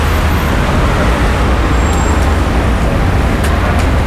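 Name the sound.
road traffic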